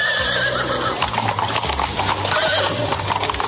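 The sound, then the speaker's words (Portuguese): Horses whinny while hooves clip-clop steadily, a busy, continuous clatter as Naaman's horses and chariots set out on a long road toward the land of Canaan, with a neigh rising above the rhythmic hoofbeats. “Pegou as suas carruagens, os seus cavalos e pôs-se logo a caminho para a terra onde morava a menininha, a terra de Canaã.”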